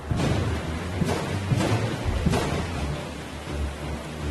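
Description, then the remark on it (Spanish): Steady heavy rain hisses throughout, with low rumbling thunder underneath and a few brief louder bursts swelling through the downpour. “Samuel invocó a Jehová, y ese mismo día el Señor mandó truenos y lluvias.”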